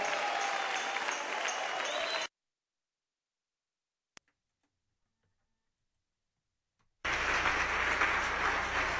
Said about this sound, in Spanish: Dale el aplauso fuerte, fuerte.